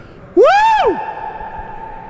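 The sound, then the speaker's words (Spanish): A man deliberately lets out a single squeaky fart, loud, rising then falling in pitch for about half a second, followed by a lingering ringing echo. “Se escuchó el aire. Todo el mundo ve, sí, se escuchó. Seguro que se escuchó el eco.”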